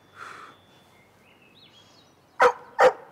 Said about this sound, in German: Oh, guck mal, einen Köter hast du sogar auch schon.